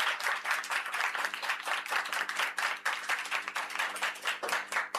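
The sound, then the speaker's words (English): Audience applause at a school maths quiz after a correct answer: a steady wash of many hands clapping for the full five seconds, dense and fairly loud, with no voices over it. “A round of applause.”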